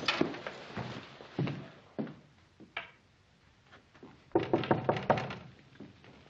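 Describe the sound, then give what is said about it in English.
Ben knocks on the unlocked wooden door of Andy McCarron's house, fairly loud, in uneven bursts: a few raps, scattered single knocks, then a quicker flurry of rapping near the end. No one speaks. “Who is it? It's Ben, Andy. Oh, come on in, Ben. The door's not locked.”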